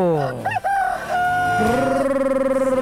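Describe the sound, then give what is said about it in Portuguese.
A rooster crows loudly, one long drawn-out cock-a-doodle-doo that rises, holds a sustained wavering note, and trails off. “galo, galo, galo, galo, galo, galo, galo, galo, galo cantando!”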